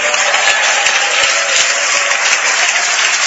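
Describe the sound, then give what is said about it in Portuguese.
An audience applauds the Lord Jesus steadily, a dense wash of many hands clapping at once, loud and continuous throughout with no voices standing out. “E aí você pode deixar a sua Bíblia aberta aí ao seu lado, mas eu gostaria que todos aplaudissem ao Senhor Jesus com alegria.”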